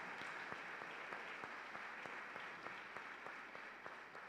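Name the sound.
audience applauding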